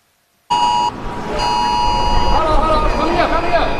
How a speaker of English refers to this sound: Air raid sirens are going off. Streets are being evacuated.